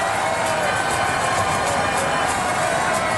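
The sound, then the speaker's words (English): A dense, steady roar of thousands of people cheering at a ticker tape parade for the New York Knicks along Broadway in Manhattan, loud and unbroken for the whole stretch, with no single voice standing out from the wash of noise. “Thousands of people jammed the streets of Manhattan today.”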